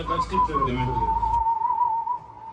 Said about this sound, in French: … sifflait ses solos pour que Issouf puisse le rejouer ensuite à la guitare